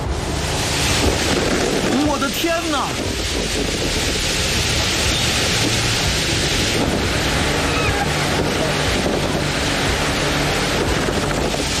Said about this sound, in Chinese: 突然刮起了大风，风力变得越来越强劲。